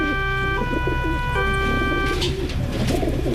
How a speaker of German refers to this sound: Es gibt ja Menschen, die kriegen bei diesem Geräusch hier schon sofort Aggressionen. Ja, das sind Tauben. Und wie passen Tauben zu diesem Geräusch hier zusammen?